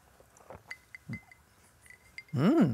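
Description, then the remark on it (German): A few light, quiet glass clinks ring out one after another in a toast, short and bright, before a person's drawn-out exclamation closes the moment. “Da vermisst man wahrscheinlich gar keinen Alkohol, Mama, ne? Komm. Prost.”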